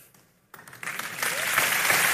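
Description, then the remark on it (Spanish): Audience applause begins after a brief quiet moment and swells steadily, a dense wash of clapping that grows louder and fuller to the end. “Vamos, fuerte ese aplauso”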